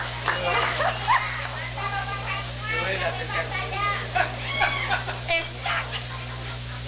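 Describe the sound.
A crowd applauds steadily for several seconds for an engineer being introduced, a dense, hissing wash of clapping with scattered cheers and voices rising through it over a low constant hum.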